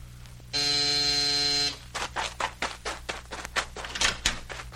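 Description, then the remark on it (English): A doorbell buzzes once, a loud, steady electric drone lasting about a second, then stops and gives way to a run of irregular clattering and rustling noises. “Hey! Who rang this doorbell?”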